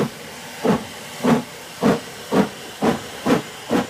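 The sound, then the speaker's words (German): A steam locomotive chuffs steadily at the railway station in Dijon, France, in 1890, a train bound for Paris: seven rhythmic hissing bursts about half a second apart over a low background rumble, with no voices. “Anschließend bringt sein Bruder ihn in Dijon zum Bahnhof. Später sagt er aus, dass Louis in den Zug nach Paris gestiegen sei.”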